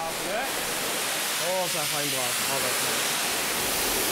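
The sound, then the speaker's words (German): A strong, steady hiss of water spraying from a hose onto the elephant Tai runs through the whole clip, with a voice speaking briefly partway through over the rushing spray. “So, Tai, jetzt kommt hier die große Wasserdusche.”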